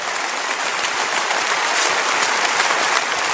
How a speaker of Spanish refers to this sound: Y toda la congregación dice amén y amén. Denles un aplauso último a Enlace. Gracias, Señor.